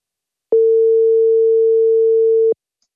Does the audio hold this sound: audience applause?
no